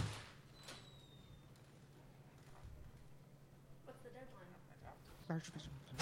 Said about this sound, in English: The editor, alarmed, has risen and is about to go to Kent's assistance when the door opens and Lois Lane enters.